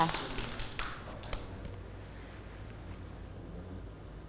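Children clap briefly: a scattered run of sharp, uneven hand claps for about a second, then the clapping dies away into low background hiss.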